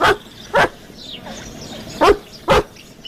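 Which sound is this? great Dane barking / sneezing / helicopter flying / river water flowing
great Dane barking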